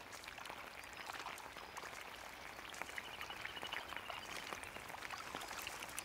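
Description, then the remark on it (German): A steady rain shower patters down on a little grebe's nest with a chick, a dense hiss of countless small drops with brighter scattered taps, continuous and even throughout with no voices. “Die erste Dusche seines Lebens.”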